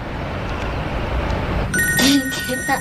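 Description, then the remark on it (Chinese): After a stretch of low background noise, a phone's ringing tone starts partway through as an outgoing call is placed to a daughter, steady electronic tones heard over a handset with faint murmuring underneath. “她肯定想你了，给她打一个。”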